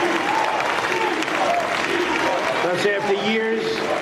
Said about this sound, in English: You can hear the crowd chanting, deport, deport.